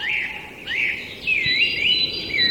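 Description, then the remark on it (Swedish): Whooper swans call in a steady, overlapping chorus of wavering, nasal tones, sustained throughout with no pauses and no voices over them, heard in a streamside forest with many fallen trees. “Nej, det är kanske sångsvan snarare som låter faktiskt.”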